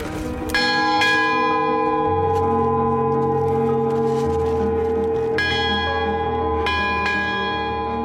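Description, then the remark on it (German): A metal bell at a mountain summit on Crete, Greece, is rung following Greek tradition, struck about four times at uneven intervals, each loud strike leaving a bright, sustained ringing tone that overlaps into a continuous shimmering hum. “Jetzt läuten wir hier, oder? Nach griechischer Tradition.”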